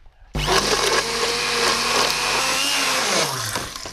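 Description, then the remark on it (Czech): A motorized immersion blender whirs loudly and steadily through thick cooked sauce in a pot, blending it for about three seconds before the motor winds down. No one speaks. “Ty to mícháš jak maltu.”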